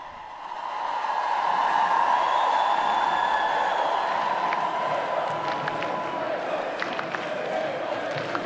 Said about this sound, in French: Le pape maintenant qui descend de la scène. Alors que vous entendez la foule scander Léon, Léon.